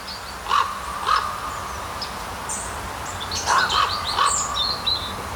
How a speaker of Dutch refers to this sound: de roep, of misschien wel de communicatie van een raaf. Ik hoor twee tonen. Dat heeft vast een betekenis, schreef Menno Terlouw ons deze week.